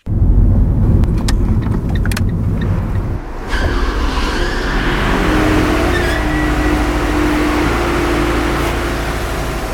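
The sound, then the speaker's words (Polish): A car drives slowly up to the barrier of a multi-storey car park on Wschodnia Street 62/64 in Łódź, where the barrier lifts automatically. Its engine rumbles steadily and loudly throughout, with a brief shift in tone partway through and tyre noise underneath. No one speaks. “Wystarczy podjechać pod szlaban, a ten uniesie się automatycznie,”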